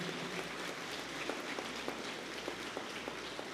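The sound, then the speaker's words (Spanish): A church audience applauds a welcomed nun of the Capuchin Tertiary Sisters of the Holy Family with a steady, dense wash of clapping, a few sharper claps standing out from the hiss. It stays fairly faint and even throughout, and no one speaks. “Un fuerte aplauso también para ella.”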